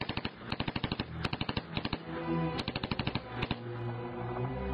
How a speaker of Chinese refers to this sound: 我已经无暇去顾及谁比谁快了，只是凭感觉扣动了扳机。芝加哥打字机几乎是顶在黄金面具的口中开始发射的，招牌式的老式打字机声音快速响起。